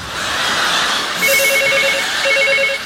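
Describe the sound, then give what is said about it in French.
A telephone rings with a rapid electronic trill in two bursts separated by a short pause, fairly loud over a steady background hiss, with no voices. “Téléphone. J'entends.”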